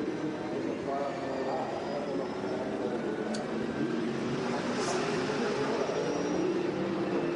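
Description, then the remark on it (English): A racing car engine heard from onboard, droning steadily at reduced revs with a continuous, even hum and rumble, no sharp revving or gear changes, holding a constant loudness throughout, as the driver nurses the car home, not using full revs, to save fuel. “It did sound like it there, a little bit of onboard we had.”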